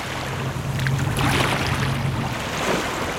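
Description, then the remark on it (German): The Bidasoa river between Spain and France flowing calmly toward the sea, a steady wash of water that rises slightly midway, with a faint low hum underneath and no voices. “Der Bidasoa fließt ruhig dem Meer entgegen und die Fasaneninsel liegt wieder fast vergessen in der Mitte des Flusses zwischen Spanien und Frankreich.”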